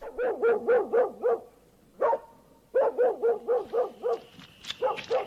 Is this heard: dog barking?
yes